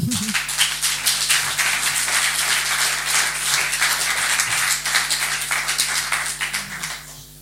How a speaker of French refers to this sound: Merci de l'applaudir.